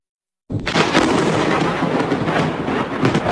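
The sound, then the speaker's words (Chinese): A loud thunderclap bursts in after a brief silence and rolls on as a dense, crackling rumble that stays strong to the end, during a lightning storm with flashes of lightning across the sky, with no voices present. “画面中电闪雷鸣，一道道闪电划破天空。”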